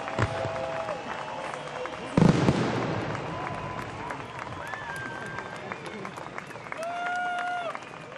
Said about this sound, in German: Was für ein spektakulärer Abschluss ist das hier. Es wird geklatscht, es wird gejubelt und ich glaube, der ein oder andere hatte auch ein Tränchen im Auge.